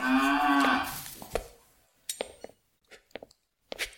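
A cow lets out one long, low, droning moo, then it fades into quiet broken by a few sharp clicks and scuffs, like hooves or footsteps shifting in a stable.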